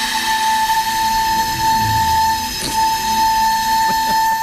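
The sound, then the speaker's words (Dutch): A damaged 600-year-old recorder, which lay in a water well for 600 years, played carefully by a flutist, holds one steady, fairly high note for several seconds, bright and slightly breathy, with a couple of faint knocks in the background toward the end. “Ja, ze moest nog even inblazen, maar uiteindelijk kwam er toch wel een toon uit.”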